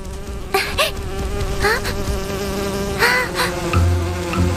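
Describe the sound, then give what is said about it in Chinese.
A bee buzzes steadily and loudly for several seconds, its drone wavering in pitch, with a few quick whooshing swipes and a low thump mixed in. “等超人强控制一只蜜蜂，然后手拉手把我们带走。”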